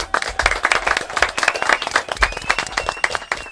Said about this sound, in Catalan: Sí que en saben, eh? Un aplaudiment. Molt bé.